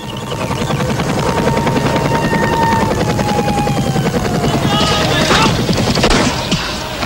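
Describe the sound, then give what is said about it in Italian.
A helicopter's steady rotor chop and whining engine fill the scene while bursts of machine gun fire crackle rapidly underneath, loud, growing harsher toward the end, during an attack by the Jordanian regime's forces on Palestinian Fedayeen bases. “Artiglieria pesante, carri armati, aerei e elicotteri.”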